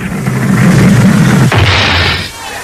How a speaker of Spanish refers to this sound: ¡El corcho ha despegado!